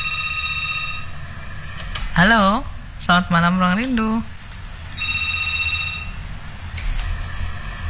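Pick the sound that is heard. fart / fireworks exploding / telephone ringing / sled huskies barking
telephone ringing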